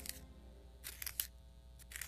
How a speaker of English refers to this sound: what are you doing? Sharpening my pencil. It's gonna be nothing but a stub.